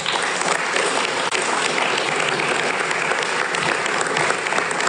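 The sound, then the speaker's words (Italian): Sustained applause for the President from an audience in the Sala della Regina of the Italian Chamber of Deputies, a dense steady wash of many hands clapping at an even loudness for the full five seconds, with no voices standing out. “Sì, intanto l'applauso era per il Presidente, non per me.”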